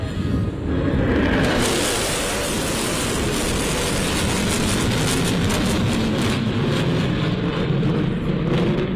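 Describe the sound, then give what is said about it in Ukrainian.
A loud, sustained jet roar of US B-1 Lancer strategic bombers in a flyover show staged by Trump fills the whole stretch, a broad rushing engine noise that stays heavy without fading, like military aircraft passing low overhead. “Реакцію на літаки вдалося зафільмувати журналістам.”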